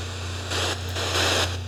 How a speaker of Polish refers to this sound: Znajdź stację jakąś może, bo to tylko szumi.